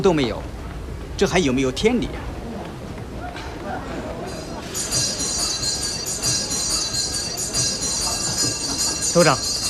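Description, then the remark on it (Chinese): A train idles at a station, about to depart, a low rumble joined midway by a loud, steady hiss like venting steam, with brief voices speaking near the start and at the end. “政委，就要开车了。”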